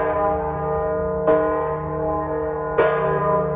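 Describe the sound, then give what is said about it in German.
The large, deep weather bell of the church in Delfes tolls twice, each heavy strike blooming into a long, humming resonance that lingers between the slow, evenly spaced peals. “Nur die große Wetterglocke in der Delfer Kirche hat die Bauern und ihre Felder vor dem Unheil beschützen können.”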